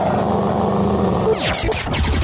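A dog growls in a low, steady rumble, then lets out a couple of sharp, loud barks near the end.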